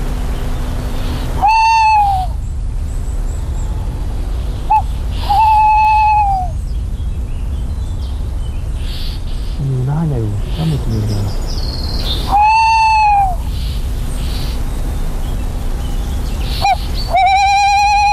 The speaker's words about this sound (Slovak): Ide sem, tie drozdy idú za ňou. Tie drozdy signalizujú, že už je bližšie.